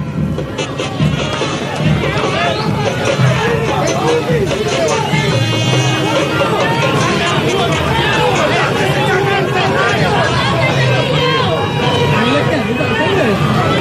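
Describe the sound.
A loud, dense crowd of Cerro Porteño fans in Villeta shouting and jeering "Andate, Cecilio" in unison at departing players, a continuous roar of many voices with overlapping chants and yells that rise and fall throughout.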